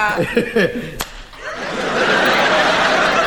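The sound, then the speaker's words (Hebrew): Snickering laughter gives way to a single sharp punch impact in a council building, then a steady rushing wash of noise swells and holds to the end. “מכת אגרוף בבניין של המועצה.”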